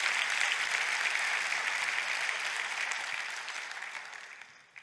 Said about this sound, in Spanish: Gloria a Dios. Date un aplauso a tú mismo.